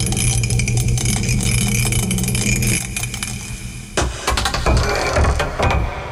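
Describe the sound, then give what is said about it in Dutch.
Dice rattle loudly and continuously inside a mug over a steady low hum, then tumble out with a burst of sharp clattering knocks, rolled to pick the day's category and landing on 6. No one speaks. “Wij gaan gooien. Daar komt dus de categorie van vandaag uit.”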